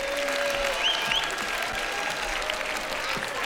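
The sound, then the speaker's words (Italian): An audience claps steadily to welcome two composers, one with a guitar and one with a violin, who perform the music of a singer. The applause is a dense, even wash at a consistent loudness with no voices standing out above it. “Accogliamole con un grande applauso, benvenute.”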